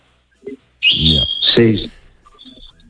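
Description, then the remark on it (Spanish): Small birds chirp in the background, with bright, high tweets running under a nearby voice and a faint short chirp after it fades. “te dejó ahí unos pajaritos que estoy oyendo de fondo.”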